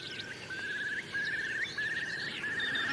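A common snipe calls in a steady series of repeated, buzzy mid-pitched phrases, each roughly half a second long, while other birds chirp and twitter faintly at a higher pitch behind it, in open fields with a stream on a cold morning of 2–3 °C.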